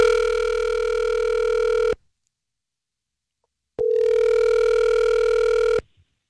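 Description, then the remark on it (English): A telephone ringing tone sounds twice as the Star 101.3 radio morning show places a call, each steady electronic buzz lasting about two seconds, with a silent gap between them. Fairly loud, and no one speaks. “We're going to call him.”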